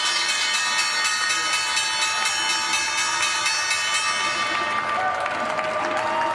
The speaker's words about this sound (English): The bells bring an end to the trading day at the NYSE. Valvoline, ticker triple V, ringing the bell, and the Breast Cancer Research Foundation doing the honors here at the NASDAQ.